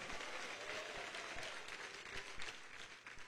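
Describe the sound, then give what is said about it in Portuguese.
An audience claps their hands together to give glory to God, in a dense, continuous burst of applause, many overlapping claps blending into a steady crackling roar that holds even throughout, with no voices standing out. “bate palmas, dá glória a Deus, pode glorificar Jesus.”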